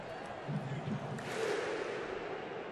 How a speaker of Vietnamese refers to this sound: Bây giờ thì chúng ta đang được nghe thấy tiếng vỗ tay sấm sét của đội tuyển Iceland, những người đã chào hàng kiểu cổ vũ đội tuyển từ Euro 2016 và bây giờ đã trở thành một nét văn hóa toàn cầu rồi.